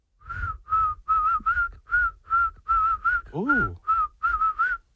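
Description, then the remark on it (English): Someone whistles a short, bouncy tune, a string of clipped notes in a steady rhythm with one sliding swoop midway, nobody talking over it. “You have no faith in your whistle.”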